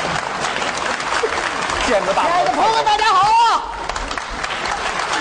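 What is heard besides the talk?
audience applause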